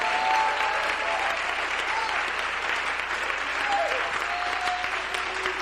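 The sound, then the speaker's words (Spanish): An audience applauds steadily in praise to the Lord, a dense, sustained wash of clapping with a few brief tonal cries or shouts rising above it. “Dale ese aplauso de alabanza al Señor.”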